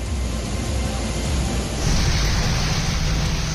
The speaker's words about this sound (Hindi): नाला सोपारा में पानी की पाइपलाइन फटने से सड़क पर कैसे सैलाब आ गया है। वैसे भी बारिश के बाद इलाके में जलभराव हो रहा है। ऊपर से पाइपलाइन फटने से सैकड़ों गैलन पानी बहने से ऐसा लग रहा है मानो पूरा इलाका तैर रहा हो, और इस सैलाब में हादसा भी हो सकता है।